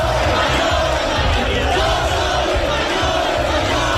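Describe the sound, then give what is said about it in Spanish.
A large crowd of far-right extremists at the Puerta del Sol chants a slogan against Pedro Sánchez in unison, loud and continuous, voices rising and falling in a steady rhythmic cadence with shouted emphasis on repeated syllables. “Y el grito recurrente contra Pedro Sánchez, mucha atención en estos momentos, siguen llegando extremistas”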